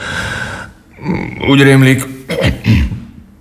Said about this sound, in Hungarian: Torokköszörülés, köhögés.